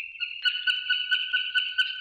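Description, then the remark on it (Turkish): Alpine swift calls recorded in Bursa: a continuous shrill, trilling twitter with rhythmic pulses, steady for the whole stretch, with no other sounds around it. “Tır kırlangıcını Ensar Ertekin Bursa'da.”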